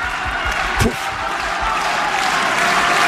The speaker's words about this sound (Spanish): ¡Puf! Aplaude la Susan Lenglen. Momento decisivo de la segunda manga.